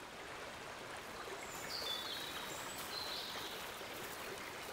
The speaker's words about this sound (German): Die Oker frisst sich seit Jahrtausenden durch das Gestein und verwandelt sich zum Wildwasser.